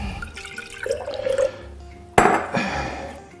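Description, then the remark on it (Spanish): Water pours into a glass tomato jar with a rising gurgle as it fills, then a sharper splash and clink of glass follow, moderately loud, with no talking; a little water is added while cooking to rinse out the remaining tomato. “Le ponemos un poquito de agua en el tarro.”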